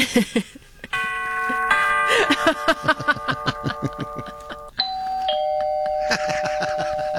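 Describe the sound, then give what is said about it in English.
A Ring camera doorbell chime: a bright electronic melodic sequence of sustained tones, with a steady clicking pulse beneath, then shifts to a new pitch and a second chime phrase rings out. “That sound that the Ring camera makes, because the Ring camera has like a distinct doorbell.”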